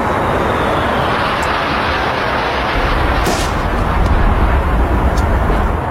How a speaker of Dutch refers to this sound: Het gezelschap verlaat de kerk nu en gaat met de kist naar Vesting Akershus. Het is nog een eerbetoon. Flypast.